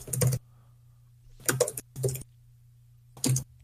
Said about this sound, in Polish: A jak zwykle słychać moje typanie w klawiaturę.